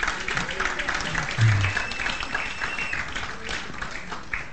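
A crowd applauds steadily, a dense wash of many hands clapping at once that holds fairly even for several seconds before gradually thinning out.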